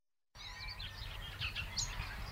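Birds chirp and sing in quick, high overlapping phrases over a low rumbling outdoor background in the village of Bogusławów, with no talking.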